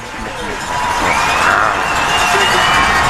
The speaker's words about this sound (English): And the crowd goes wild for Big Red.